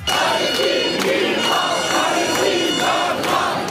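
A crowd of protesters chants loudly in unison, voices rising and falling in a steady rhythmic pattern with sharp repeated accents, a dense wall of shouting that fills the whole clip.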